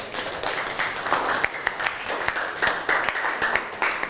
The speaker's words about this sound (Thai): เอาปรบมือให้เพื่อนหน่อย